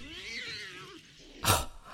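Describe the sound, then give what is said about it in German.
A tomcat lets out one long, wavering meow that rises and falls over about a second, followed by a brief, sharp burst of noise. “So wie ich die alten Weiber kenne, schaut sie gerade noch durchs Schlüsselloch und lässt ihren armen Kater hungern.”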